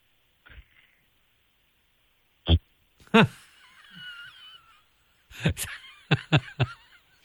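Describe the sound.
A child's voice imitates loud snoring, with rough snorting bursts and a drawn-out wheezy breath, then a quick run of choppy snorts near the end.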